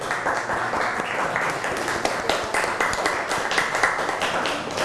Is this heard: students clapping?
yes